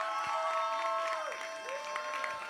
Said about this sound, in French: On applaudit.